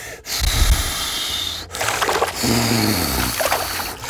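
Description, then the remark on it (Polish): Someone blows hard in long, breathy gusts, making their own wind to push a toy sailboat across the water of a pool. Two sustained blowing bursts with a brief pause between. “Uwaga, nadchodzi wiatr misiowy.”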